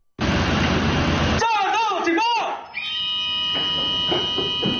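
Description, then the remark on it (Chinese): A loud ship's combat alarm sounds on a China Coast Guard vessel formation (including the Wanshan, Chuanshan and Sifang) during a law-enforcement drill near Huangyan Island: rushing noise gives way to a few wailing, warbling sweeps, then a steady, piercing electronic tone that keeps sounding over engine rumble. “随着急速的战斗警报拉响，由万山舰、川山舰、四方舰等多艘舰艇组成的中国海警舰艇编队立即调整航向，向目标海域快速机动集结。”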